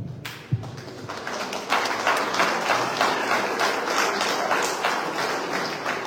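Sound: audience applause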